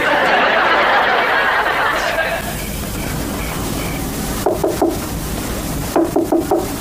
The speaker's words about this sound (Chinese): 深更半夜敲门，什么事？